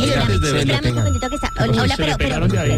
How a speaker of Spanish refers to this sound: Pero suéltelo un ya poquito. Suéltele ese timbre, se hombre. Le pega. Me lo van a quemar un día de esto, sola, no friegue. Espérame que llegó un domicilio, vamos a ver.